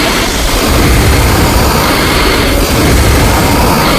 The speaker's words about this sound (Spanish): Pero fíjate, mira, vamos a respirar los 3 a la vez.